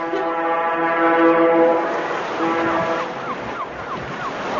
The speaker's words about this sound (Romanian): Sirena șuiera de zor.